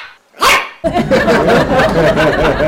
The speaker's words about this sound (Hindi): पाजी, मैंने बाहर देखा, ओए होए, एक छोटा सा चिब्बा सा कुत्ता जो टीवी में ऐड करता है पाजी, वो भौंक रहा था, और भौंक ऐसे रहा था जैसे सोन जुकाम छींके मारता है।